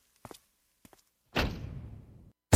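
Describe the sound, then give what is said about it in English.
A few soft, quick thuds, then a door slams shut with a heavy bang and a rattling rumble that fades over about a second, before another loud burst cuts in. “Close that door, girl.”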